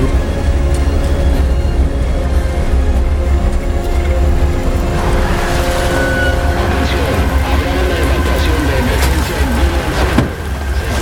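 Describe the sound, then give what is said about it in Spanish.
A heavy truck engine rumbles steadily and low, with droning tones, and grows a bit louder and rougher partway through as it approaches. “Viene un camión.”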